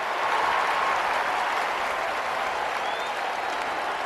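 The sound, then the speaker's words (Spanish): A large crowd in tournament stands applauds steadily while waving small flags, a dense continuous wash of clapping from many hands, loud and even throughout with no clear pauses or speech. “Llenando las gradas, el público aplaude y ondea banderitas.”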